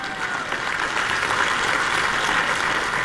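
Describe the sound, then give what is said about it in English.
An audience claps steadily, a dense wash of many hands applauding at even loudness for a few seconds with no voices standing out. “Let's just clap a little bit because I'm pretty fired up about that.”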